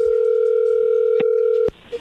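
A steady electronic telephone tone from a call being dialed holds evenly for nearly two seconds, broken by a soft click partway through, then a sharp click cuts it off into near silence.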